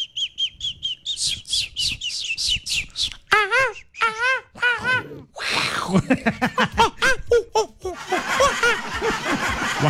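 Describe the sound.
A person mimics little birds as a voiced sound effect, with a rapid series of high, squeaky chirps and warbling whistles, lively, some bursts sounding almost like stifled giggles.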